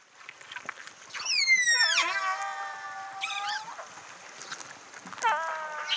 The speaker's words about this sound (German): So sollte es klingen, Wale, die kommunizieren.